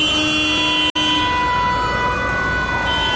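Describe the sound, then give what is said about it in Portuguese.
Busy traffic roars steadily while car horns blare in long, overlapping held tones, with a brief cut in the sound early on. No one speaks. “O trânsito que era aqui.”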